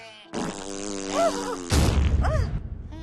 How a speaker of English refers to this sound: The skunk farted a big pink fart.